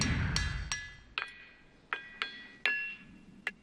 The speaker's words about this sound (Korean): 지금 팅팅 소리 들리시죠? 돌에서 나는 소리가 맞습니다. 이곳은 펜실베이니아 벅스 카운티의 울림바위 공원. 7에이커에 이르는 돌밭의 바위는 독특한 성질을 지니고 있죠. 두드리면 울려요. 소리는 돌마다 다르죠.